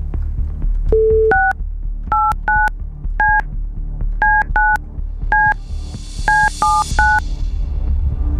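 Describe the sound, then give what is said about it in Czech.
A phone number is dialed on a keypad from a studio to call a listener: about a dozen short, clear dual-tone beeps in quick, slightly uneven succession over a low background hum, with no one speaking. “Tak a děj se vůle boží, protože máme vytočeno.”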